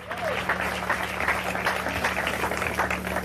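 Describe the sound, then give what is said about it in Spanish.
An audience breaks into sustained, dense applause for Jesus Christ during a sermon, steady clapping from many hands with a few faint voices mixed in, and a low hum running underneath. “Dele un fuerte aplauso al Cristo de la gloria.”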